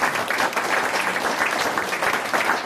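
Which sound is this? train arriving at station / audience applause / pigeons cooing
audience applause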